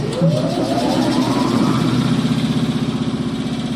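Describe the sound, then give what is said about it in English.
A sandblasting machine at Maine Memorial Company is switched on with a flick of the switch to sandblast a stencil, its motor whine climbing in pitch before settling into a loud, steady mechanical roar with a fast, throbbing pulse. No one speaks. “A flick of the switch boots up the machine.”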